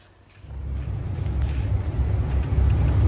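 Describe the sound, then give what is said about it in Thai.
A bus heading in the morning to the industrial estate at Bang Pakong rumbles along a road, recorded by CCTV, with a deep, steady low-frequency engine and road noise that swells after a quiet start and stays loud throughout, with no voices. “คุณผู้ชมจะเห็นรถบัสคันนี้ใช่ไหมคะ ใช่ครับ ปกตินะอ๋อแต่ว่าล้อหน้าด้านซ้ายคือมันเป็นจังหวะที่ลงไปไหลทางพอดี”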